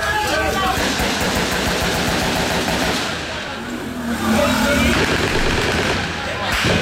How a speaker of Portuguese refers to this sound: Olha a trocação de tiros, olha a quantidade de tiros à luz do dia, hoje na Vila Aliança, mais uma vez do lado de um colégio.